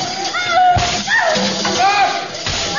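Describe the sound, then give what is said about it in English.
Two sharp whip cracks snap out about two seconds apart, loud, while high wavering voices cry out between and around them. “The whip will make her stop dancing.”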